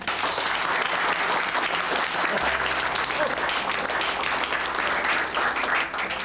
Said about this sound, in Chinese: 他的最大贡献就是找到了准确着舰的方法，大家鼓掌。